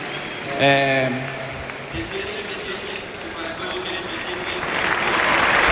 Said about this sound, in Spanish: Uy, no sé si un poco emocionado, esperando a que termine de aplaudir, de romper la gente a aplaudir, sí, sí.